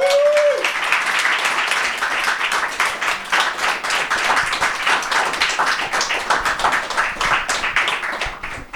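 Sustained audience applause for the show's guests, a dense crackle of many hands clapping at a steady, fairly loud level for several seconds, with a brief tone at the very start and no talking over it.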